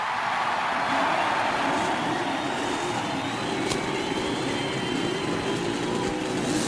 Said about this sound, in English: As a cheer goes up and you can hear the cackle of the Cosworth racing engine. Several Buicks sound out their roar, and that Chevrolet, that brand new Chevrolet racing engine, roars